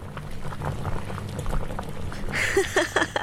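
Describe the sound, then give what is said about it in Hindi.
Water boils steadily on a gas stove in a kitchen with a dense, continuous bubbling and gurgling that grows brighter and more active toward the end. Moderately loud, with no voices. “हाँ, अब गैस पर पानी उबलने की हल्की ध्वनि को सुनो।”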